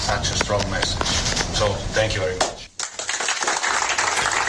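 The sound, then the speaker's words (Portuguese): Iran's national team players applaud the FIFA president after a 2-2 World Cup draw with New Zealand, in a burst of scattered claps mixed with shouting voices, a brief drop-off midway, then a dense, steady wash of clapping and crowd noise. “Estes aplausos que ouvimos são dos jogadores do Irão para o presidente da FIFA depois da seleção iraniana empatar 2-2 com a Nova Zelândia.”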